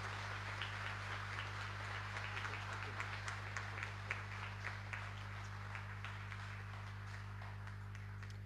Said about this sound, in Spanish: como así también para todos nosotros presentes el día de hoy en la casa de Tupacenca Acupé, un fuerte y caluroso aplauso para cada uno.